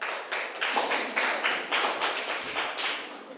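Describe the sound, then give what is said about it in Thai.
A group of students claps hands together in a steady, rhythmic unison, about eight or nine even bursts of bright, crisp claps with no talking over them, applauding a classmate who has just answered during a lesson. “ค่ะปรบมือให้เพื่อนหน่อย”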